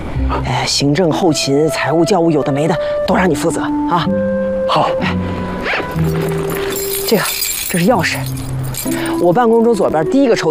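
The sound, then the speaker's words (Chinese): A bunch of keys jingles and clinks as they are handed over, their light metallic rattle mixed in beneath steady, overlapping voices talking throughout. “这个，这是钥匙。”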